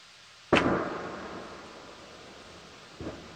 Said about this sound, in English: Not only in New England, a meteor exploding off of the Massachusetts coast on Saturday, which created a loud boom that was heard across the state.